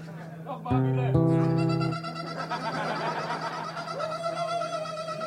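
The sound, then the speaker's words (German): An alarm system sounds: two loud, harsh buzzing electronic blasts over a steady low drone, followed by a softer rising tone, with voices murmuring underneath. “Klingt wie eine Alarmanlage.”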